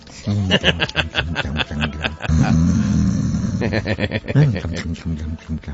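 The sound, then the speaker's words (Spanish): A man's voice imitates loud snoring, with rough, rasping breaths drawn out between gravelly vocal bursts, one long sustained snore in the middle. “El tipo roncando a pierna suelta”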